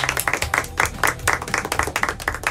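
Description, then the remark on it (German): Passengers aboard an airplane clap together after landing in Palma de Mallorca, a dense, steady patter of many hands at moderate loudness with no voices standing out. “Kennen Sie doch auch, nach der Landung wird im Flieger erstmal geklatscht und alle freuen sich auf den Urlaub.”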